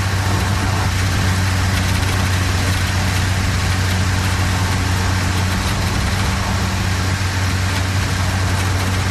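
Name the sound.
car engine idling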